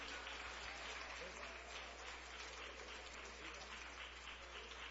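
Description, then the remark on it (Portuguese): Steady audience applause at a church service welcoming a singer of the MC Music label: a dense, continuous patter of many hands clapping at even loudness for the full stretch, with no pauses or swells. “Vamos receber cantor …, cantor da gravadora MC Music, com palmas bem alegre ao Senhor Jesus.”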